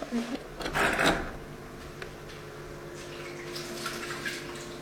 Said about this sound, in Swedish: Vattnet pålar ner för ena sidan av det nya terrariet längs en vägg klädd med stenar.